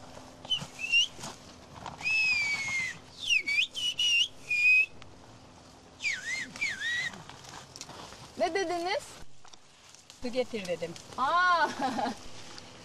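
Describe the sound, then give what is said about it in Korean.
A series of loud, piercing whistles with rising and falling glides, exchanged in bursts like a conversation, with brief pauses between phrases and some faint background sounds underneath; a whistled language used to communicate while working on a mountain slope, shaped with fingers, tongue, lips and air pressure. “그래서 산비탈에서 일할 땐 휘파람 언어가 여전히 유용하게 쓰입니다.”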